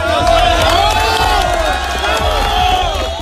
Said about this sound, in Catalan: És els crits posteriors al rescat d'un xiquet de 6 mesos